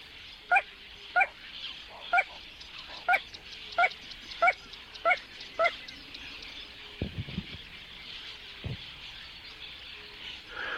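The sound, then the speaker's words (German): A little crake (Porzana parva) calls a clear series of about nine sharp, yelping notes at a steady, slightly quickening pace, followed by a few softer clicks against a faint marshy background hiss. “Popozana Parva, die kleine Ralle. Oder das kleine Sumpfhuhn singt hier.”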